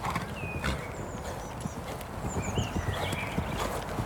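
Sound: horse hooves walking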